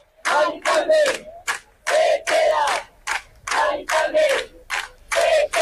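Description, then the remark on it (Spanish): Hundreds of neighbors camped overnight outside the house of an 87-year-old woman in the Retiro district of Madrid shout protest chants in unison, loud bursts of voices rising and falling in a steady, repeated rhythm with brief gaps between phrases. “Son algunos de los gritos de las garantas anoche de los centenares de vecinos que han pasado toda la madrugada acampados frente a la casa”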